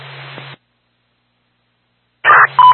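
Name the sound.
radio dispatch paging tones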